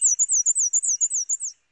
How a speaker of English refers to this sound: After the morning rain ended, I poked my head out the door and immediately heard northern parulas. Black and white warblers,